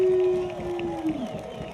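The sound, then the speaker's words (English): An excited crowd at a skateboarding finals roars in a dense, steady wash of cheering, with one sustained mid-pitched tone held over the noise that drifts slightly lower before fading. “You can hear the crowd. They're ready. They're pumped.”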